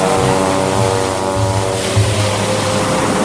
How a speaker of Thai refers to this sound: พระราชาได้ตรัสแล้วเรือนั้นก็ได้แล่นออกไป